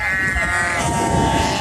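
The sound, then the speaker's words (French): A flock of sheep bleating together, several overlapping wavering cries held steady, filling the whole moment with a continuous chorus of baas over a low, rough background rumble. “Et aussi le vent, pour nous les bergers, c'est hyper dur parce que quand il y a du vent, les moutons, oh, ils se font porter par le vent.”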